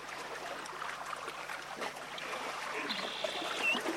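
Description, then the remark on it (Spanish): A steady, continuous rush of flowing stream water fills the scene at an even level, with a brief faint chirp near the end and no voices. “Porque cuando el viento baja su intensidad, aparece otro paisaje sonoro, el sonido de las aves, el movimiento de los animales y en determinados sectores el agua.”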